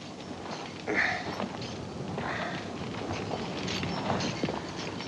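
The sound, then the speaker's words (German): Horse hooves clip-clop at a steady walking pace over a constant wash of outdoor background noise, with no one speaking. “Okay, nehmen Sie das Pferd da.”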